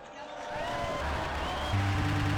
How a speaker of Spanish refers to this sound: Brindemos nuestro vivo aplauso a San Juan Fisher, Santo Tomás Moro y San Paulino de Nola.